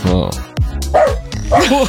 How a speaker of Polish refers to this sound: Cicho tam pod stołem, proszę tego psa o spokój.